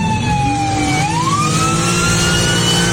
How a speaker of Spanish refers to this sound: Aquí el momento en que esta ambulancia ya sin una llanta ya no puede avanzar y el motociclista le pide que descienda a este conductor.